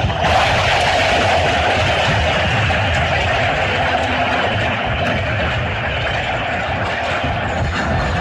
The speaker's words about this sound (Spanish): El estadio de pie, aplaudiendo al número 10 de Colombia, James Rodríguez, que ahora se abraza con Néstor Lorenzo.